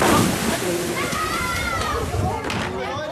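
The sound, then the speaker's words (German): Water sloshes and splashes steadily at the busy swimming beach of the Tuttenbrocksee lake in Beckum, with children's voices calling and playing in the background throughout. “das war's hier vom Tuttenbrocksee in Beckum”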